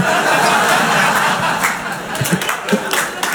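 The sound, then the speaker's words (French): An audience in a hall applauds a performer loudly in a dense, steady patter of clapping mixed with laughter and chuckles, thinning slightly in the second half as scattered sharper claps stand out. “Non, n'applaudissez pas ça, messieurs, dames.”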